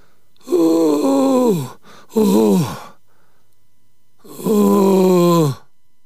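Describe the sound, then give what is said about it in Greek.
Labored, heavy groaning breaths of an ailing old man in pain: three long, strained voiced exhalations, each sliding downward in pitch, separated by brief quiet gaps. “Αγκομάχησε.”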